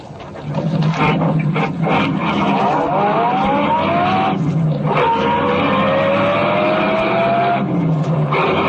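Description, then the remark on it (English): A car engine roars loudly, its pitch climbing as it revs hard through gear changes while chasing another car, with a brief tire squeal amid the continuous rush of a high-speed chase. “Chase that car.”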